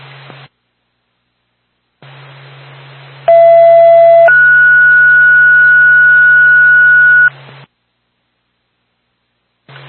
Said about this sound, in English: Flint State. What's the ambulance backup? Stand by for a tone.